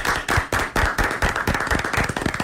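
Steady hand clapping, sharp claps coming quickly in an uneven rhythm and growing denser over a couple of seconds, at fairly even loudness with no voices.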